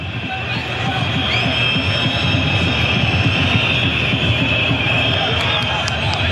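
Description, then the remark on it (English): A stadium crowd of Moroccan football supporters keeps up a loud, continuous shrill whistling while the opposition is in possession, many high-pitched whistles blending into a steady piercing wail over a dense, rumbling roar of fans. “And the defiant shrill whistles from the Moroccan supporters as the opposition's in possession despite a disheartening day for them.”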